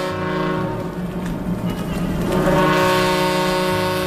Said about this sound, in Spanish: Las sirenas del puerto rompen la calma. Un vapor, el Ciudad de Barcelona, acaba de atracar en el muelle de Alicante procedente de Marsella.